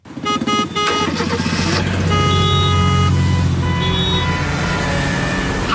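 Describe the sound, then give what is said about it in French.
Loud, dense city car traffic in Brussels: a steady engine rumble with cars passing and several overlapping horn toots and honks sounding throughout. “En principe, ce dimanche, nous ne devrions pas entendre ces sonorités à Bruxelles, puisque c'est journée sans voiture,”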